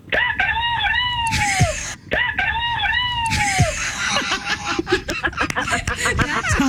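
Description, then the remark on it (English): A person imitates their own rooster crowing twice in a row, each a long, wavering, harmonic-rich call that rises and then falls off, followed by laughter and excited chatter. “Can you do your best impersonation of your rooster? What does it sound like?”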